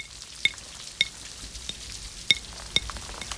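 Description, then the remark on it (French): Raindrops, big and small, tap against and slide down window panes, a handful of sharp, bright ticks landing irregularly over a soft, steady hiss of rain. No voices. “Les gouttes glissent sur les vitres.”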